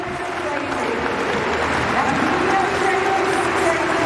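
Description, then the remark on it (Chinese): Spectators at an athletics jumping event clap a rhythm for American athlete Claire Brant before her jump, a dense, steady wash of applause and crowd noise with voices mixed in, holding an even loudness from start to finish. “接下来呢还剩美国选手克莱尔布兰特，这时候呢也是需要现场的观众去为他拍拍节奏，打一打节拍，让他更兴奋一些。”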